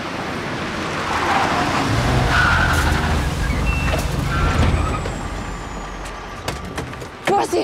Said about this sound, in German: Schau mal, die Autos da. Oh, jetzt kommt ein großer Bus. Schau mal. Ui, so viele Autos.